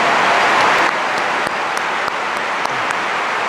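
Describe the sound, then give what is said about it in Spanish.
Sustained applause from a sizable crowd at the Fundación Telmex Telcel 30th-anniversary event, for the foundation's team led by Arturo Elías: a dense wash of clapping that holds steady throughout, slightly louder at the start, with a few sharper individual claps standing out. “Este día celebramos 30 años y por ello quiero pedirles especialmente un aplauso muy fuerte para él y el equipo extraordinario de Fundación Telmex Telcel, encabezados por Arturo Elías.”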